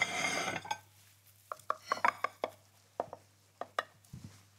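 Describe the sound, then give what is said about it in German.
A knife cuts a large piece out of a quiche in a baking dish greased with butter and flour: a short scraping rush, then about a dozen irregular sharp taps and clinks of metal against the dish, with no talking. “gucken wir mal, ob wir das gescheit geschnitten kriegen hier”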